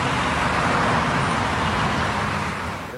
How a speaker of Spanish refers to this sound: en medio del frenético tráfico porteño